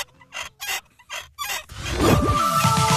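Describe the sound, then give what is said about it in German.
Rusty squeaking from the neck of a nodding dachshund toy (Wackeldackel) from the 1970s/80s, kept over 25 years in a basement: four short scratchy squeaks in a steady rhythm, then a louder, drawn-out creaking squeal with wavering, sliding pitches. No voices. “Also über 25 Jahre im Keller, da kann es schon mal etwas verrostet quietschen im Genick.”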